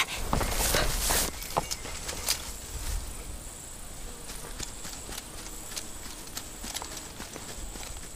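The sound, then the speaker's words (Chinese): Footsteps of a person approaching tread steadily on hard ground, a regular series of crisp steps over a faint background hiss with a thin, insect-like high whine. No one speaks. “掌柜的， 有脚步声。”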